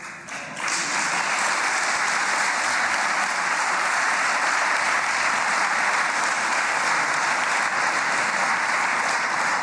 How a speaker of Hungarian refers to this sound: Hozzáadtam, képviselő úr, 11 másodpercet. Ennyi volt a taps miatti idővesztesége.